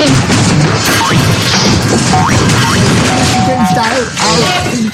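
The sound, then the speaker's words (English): Someone tumbles down a flight of stairs in a loud, continuous crash of thuds and clattering impacts lasting several seconds, with voices crying out over the noise. “just be careful not to fall down the stairs, for goodness sake.”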